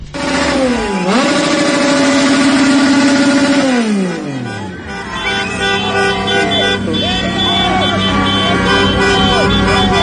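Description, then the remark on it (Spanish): Loud, sustained car horns blare together in a dense street din outside the hotel of the Ecuador side at about 10:30 at night, their pitches bending as the blast shifts, followed by ongoing traffic noise with more honks and faint voices in the background. “Los autos. Los autos. Para que no durmieran los...”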